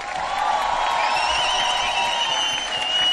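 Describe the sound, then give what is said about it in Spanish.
Sustained audience applause for a band, a dense steady wash of clapping at even loudness throughout, with faint cheering tones rising above it and no voice speaking over it. “Lujo, aplauso fuerte.”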